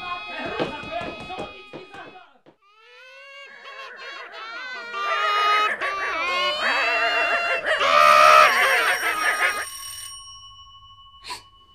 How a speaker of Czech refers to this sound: Šmanko, to je, co pak tam mají slona?